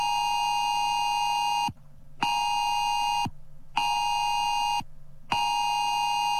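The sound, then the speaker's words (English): An emergency phone alert tone from a drill of Australia's new Oz alert system blares in loud, harsh, buzzy bursts of about a second and a half, separated by short gaps, repeating steadily with no one speaking. “all around Australia, every phone is going to make this sound.”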